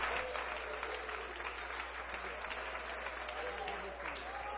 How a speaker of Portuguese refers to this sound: Então vamos receber o servo de Deus com as palmas para Jesus.